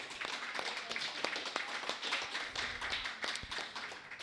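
A crowd applauds, many hands clapping in a dense, steady patter of sharp claps that holds at an even, moderate level for about four seconds, with no voices over it.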